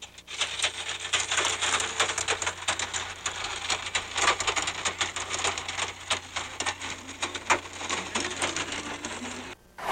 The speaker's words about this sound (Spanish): A Redescuchas nos comparten más imágenes de una fuerte granizada que se registra en Acatlán, en el municipio de Tepeaca. Automovilistas piden extremar precauciones ante las condiciones en la zona.